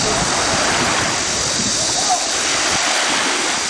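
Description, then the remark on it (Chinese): Ocean waves churn in a loud, continuous wash of rushing water, steady throughout with no distinct breaks between swells, at a sea training ground used for military swimming training, with strong undercurrents, in hot weather above 38°C. “入伏以来，演训场部分地区最高温度突破38摄氏度，海面暗流涌动，浪涛起伏，加上高温天气下体力消耗加快，对官兵的游泳技能和耐热能力都是不小的考验。”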